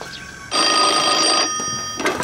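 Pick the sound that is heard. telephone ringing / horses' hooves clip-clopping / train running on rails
telephone ringing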